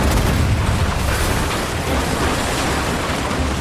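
Heavy cannon fire at enemy ships in a pirate video game naval battle on rough sea booms through a dense, roaring battle din, with deep low rumbles and crackling blasts overlapping continuously at high volume, no voices.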